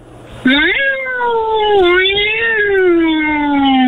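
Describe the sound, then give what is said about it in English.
A person imitates an angry, fighting cat with one long, loud yowl that holds for several seconds, its pitch rising, dipping and wavering almost like a siren. “I could throw an angry cat, a fighting cat.”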